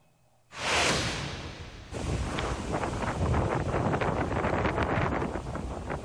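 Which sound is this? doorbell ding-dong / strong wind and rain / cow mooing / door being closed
strong wind and rain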